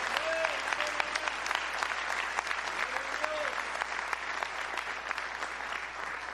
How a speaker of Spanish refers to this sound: Dele un fuerte aplauso a él entonces.